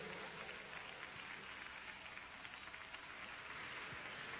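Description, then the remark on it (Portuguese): A crowd applauding the name of Christ Jesus, with dense overlapping clapping sustained at an even level throughout, with no break or voices standing out. “aplaude o nome de Cristo Jesus.”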